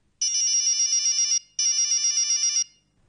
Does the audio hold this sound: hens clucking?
no